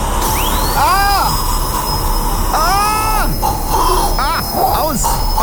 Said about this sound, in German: Ah, der Bohrer beim Zahnarzt, oder? Da geht's mir durch Mark und Bein.